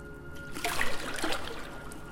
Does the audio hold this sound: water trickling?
yes